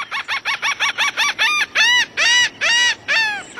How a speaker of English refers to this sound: Coastlines almost always have some gulls, like this laughing gull.